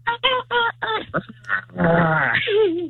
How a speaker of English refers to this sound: What was that? And it was dinosaur. That was my second guess.